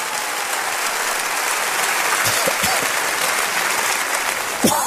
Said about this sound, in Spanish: ¿Cuántos de ustedes nos visitan por primera vez? ¿Podría levantar la mano para poderles reconocer y dar una bienvenida? Denles un aplauso.